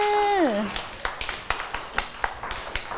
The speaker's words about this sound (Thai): เด็กๆปรบมือเลยค่ะเก่งมากค่ะ